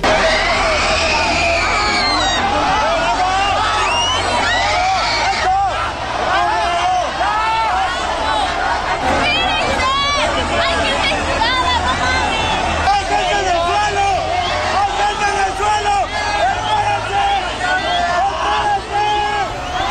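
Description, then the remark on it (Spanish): A dense, frantic crowd caught in a human crush roars continuously, many voices shouting and crying out over one another, people yelling not to push or keep advancing because people have fallen to the ground; loud throughout with no pause in the clamor. “Y también hay otros videos que captaron parte de este momento, la angustia, los gritos de la gente que decía pues que no se empujaran, que no siguieran avanzando porque había gente tirada.”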